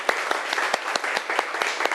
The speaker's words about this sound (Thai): เอาปรบมือดังๆให้เพื่อนของเราหน่อยค่ะ